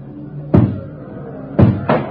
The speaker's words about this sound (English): And then when I heard the door come down, I knew I was through. They're tearing through the front of the building now, and they'll be pouring into this cell block in just a second.